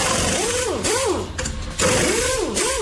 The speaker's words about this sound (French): On le disait, grâce à cet outil, ça évite de le faire soi-même, de forcer comme ça avec ses bras, de se baisser le poignet. C'est clair, c'était la perceuse. Ouais, perceuse ou visseuse automatique électrique, quoi, tu vois.